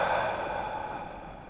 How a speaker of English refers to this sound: And my invitation is for us to take a collective breath all together, in through the nose, in 3, 2, 1, in through the nose. And breathing out through the mouth.